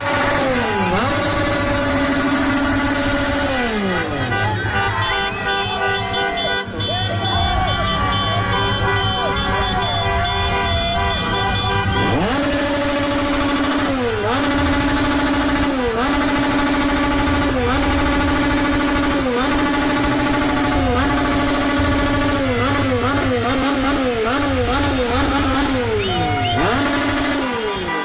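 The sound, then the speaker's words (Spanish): A loud, continuous street din of motorcycle and scooter engines revving up and down in repeated swells in a hospital area, with horns tooting over the roar and crowd voices mixed in throughout. “Los de las motos, los de las motonetas, el Acamoto, se los llevamos a los de Ecuador.”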